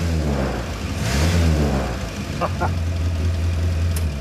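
A small Morris Minor car engine revs up and settles back to a steady low idle, with a few brief crackling pops from the exhaust breaking through the rumble.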